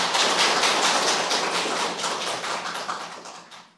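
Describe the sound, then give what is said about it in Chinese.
An audience claps steadily for a few seconds to welcome a Buddhist master about to give a talk, a dense crackle of many hands with no voices, easing slightly toward the end. “好，咱大家鼓掌，欢迎。”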